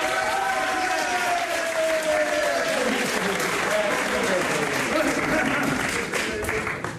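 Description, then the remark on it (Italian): An audience at a live show applauds steadily for about seven seconds for a young man picked from the crowd, a dense, loud patter of many clapping hands, with voices calling out and murmuring underneath. “Un bel applauso, grazie, abbiamo un giovane!”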